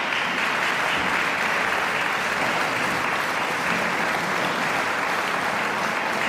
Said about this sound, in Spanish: Georges Enescus Oktett C-Dur für Streicher. Begeisterte Applaus und Jubelrufe vom Festivalpublikum in der Heiligen Geistkirche in Wismar.